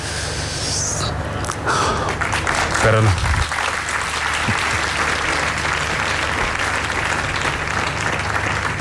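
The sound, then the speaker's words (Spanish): Sustained applause from an audience that includes Pope Leo XIV, a dense crackle of many hands clapping at steady volume throughout, with a brief low thump partway through, after a speaker's testimony. “Aplaude el Papa León XIV las palabras”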